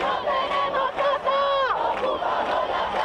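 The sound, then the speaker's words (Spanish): About a hundred protesters blocking traffic on Avenida Diagonal at the Palau de Congresos in Barcelona, during the Spanish prime minister's visit, chant loudly in unison, many voices rising and falling together in a steady shouted rhythm, with one long drawn-out wavering call in the middle and no break in the noise. “Un centenar de manifestantes ha cortado el tráfico en la avenida Diagonal a su paso por el Palau de Congresos.”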